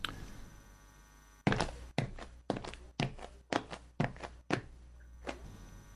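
Footsteps walk steadily across a floor as someone gets up and approaches a woman, about eight evenly paced thuds after a brief quiet start, then trail off, with no one speaking.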